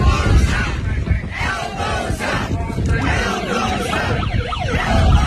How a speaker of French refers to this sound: Hey, l'autre, il avait amené ses sirènes.